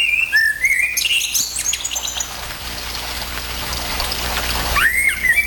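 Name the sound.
common blackbird song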